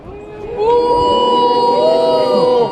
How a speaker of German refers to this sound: Buh! So denn? Werdet ihr auch noch Buh rufen, wenn ihr in der Hölle röstet?